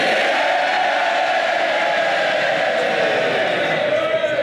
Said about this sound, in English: He was sworn in to loud cheers from Labour MPs.